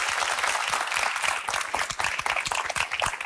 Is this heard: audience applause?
yes